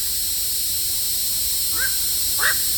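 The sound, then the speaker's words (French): Two short, harsh croaking calls from a black-crowned night heron, a second apart, the second louder, standing out over a steady hissing background with no one speaking. “Alors justement, on en diffuse un petit extrait là qu'on écoute tout de suite pour se rendre compte de ce cri de cet oiseau du bio-ro gris.”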